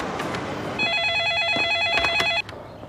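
A telephone rings with a rapid, warbling electronic trill in one sustained burst of about a second and a half, loud over faint background noise, then cuts off abruptly.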